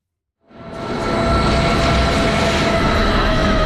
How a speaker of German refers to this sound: Der Bahnhof Eigergletscher sieht aus wie eine S-Bahn-Station. Einfach 2300 Meter über Meer. Die Zahnradbahn von Wengen her kommt an.